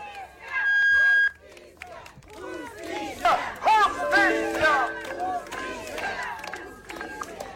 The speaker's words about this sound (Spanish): pero antes se ha tenido una protesta en la puerta del frontis de del Ministerio Público pidiendo justicia ahí al frente de la Fiscalía Provincial. Vamos a escucharlo.